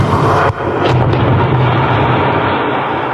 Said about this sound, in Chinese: 几天前，在湖北宜昌三峡枢纽新通道施工现场，随着最后一报顺利启动，作为施工准备试验工程的三峡枢纽新通道先行开挖区完成全部爆破开挖作业。